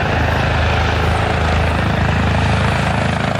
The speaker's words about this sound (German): Und gerade dann kommt der Helikopter auf dem Gelände an.